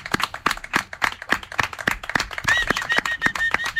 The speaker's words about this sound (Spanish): Ahora te vendría bien un aplauso de todos, porque creo que quedaría bien aquí.